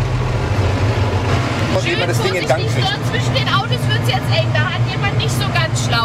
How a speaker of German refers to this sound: jetzt geht's rauf auf den Traktor. Der wird von der kleinsten Frau am Platz jetzt gefahren